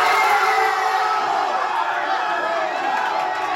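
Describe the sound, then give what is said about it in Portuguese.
A big crowd of Mexican football fans shouts 'goal' and cheers during the first half of a match against England, in a loud, continuous roar, many voices blending together with no pause for the whole stretch. “Mas ele e outros torcedores mexicanos também soltaram a voz, dessa vez para gritar gol, ainda no primeiro tempo.”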